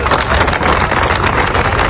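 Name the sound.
applause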